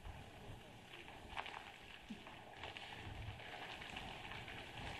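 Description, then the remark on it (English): Steady, heavy rain hisses continuously with a low rumbling wind underneath during a storm at Pensacola Beach, scattered sharper drops and gusts standing out throughout the stormy wash of noise. “All right, so as we come back live to our camera again, we're just dealing with these winds. Of course, the rain is associated with that too”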